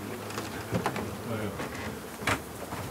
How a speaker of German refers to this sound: Ja, gucken wir mal rein. Und hier sind die Bienen drin.